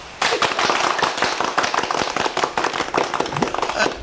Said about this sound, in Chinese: 这就叫虎父无犬子，鼓掌。